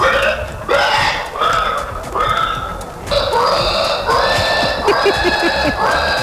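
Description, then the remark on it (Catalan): Contestants at a pig-imitation competition, rolling on the ground, imitate pigs with loud, shrill squeals and grunting noises, several voices overlapping in a continuous run of repeated squealing bursts, energetic. “Això són persones, eh?, que fan aquest so, efectivament, eh?”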